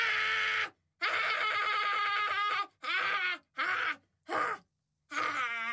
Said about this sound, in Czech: Učitelka se rozzuřila. Byla to stará žena a ve svém učitelském životě zažila už všechno možné, ale tohle ne. Začala křičet a dupat nohama.